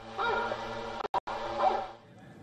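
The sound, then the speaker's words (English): Hunting dogs bark and bay in drawn-out, tonal bursts that fill nearly two seconds, broken by a brief dropout in the middle, then fade away; the sound is played from drones by authorities to drive away bears. “The authorities are also using drones to drive away bears using fireworks, sound of hunting dogs.”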